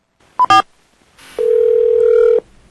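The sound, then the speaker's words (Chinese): A short burst of tones like a phone being dialed to place a call, then a steady telephone dial tone humming for about a second, loud with no talking. “啊，我来卡电话甲问看麦，来。”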